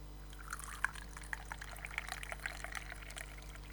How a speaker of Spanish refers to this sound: Estoy llenando la taza con el agüita por si acaso.